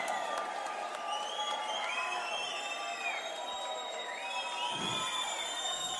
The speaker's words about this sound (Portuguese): Com vocês. Palmas pra vocês.